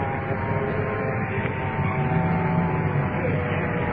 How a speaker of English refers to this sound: Another one of our units coming over here. Comes the uniform assistant car. Uniform car coming in to assist.